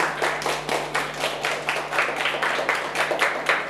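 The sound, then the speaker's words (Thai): Steady, brisk hand clapping repeats at an even rhythm for a few seconds, moderately loud, with a faint low hum underneath and no one speaking; people applauding themselves. “ปรบมือให้ตัวเองหน่อยค่ะ”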